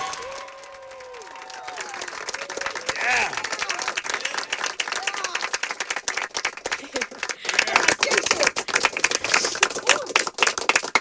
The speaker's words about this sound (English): So yeah, let's clap it up. Let's clap it up. Let's go.